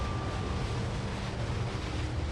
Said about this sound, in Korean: 화산은 다양한 가스를 내뿜죠. 분화구가 터질 때는 엄청난 양의 가스가 강력히 뿜어져 나와 제트기 엔진 소리처럼 굉음을 냅니다.